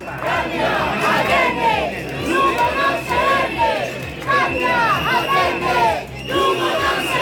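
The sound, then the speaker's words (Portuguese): A loud crowd of protesters against a no-confidence motion, convened by the platform Democracias e Transfugismo at the doors of Lugo town hall, shouts chants in unison. The many voices rise and fall in rhythmic bursts with short pauses between phrases, a sustained roar of massed yelling. “Maioría de persoas contra a moción, convocadas pola plataforma Democracias e Transfugismo, no que proferían berros como os seguintes.”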